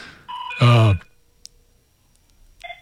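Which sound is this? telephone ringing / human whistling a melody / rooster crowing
telephone ringing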